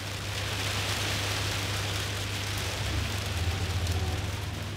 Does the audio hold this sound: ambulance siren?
no